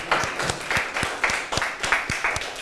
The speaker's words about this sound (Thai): ขอเสียงปรบมือให้กับเพื่อนและกลุ่มที่4หน่อยค่ะ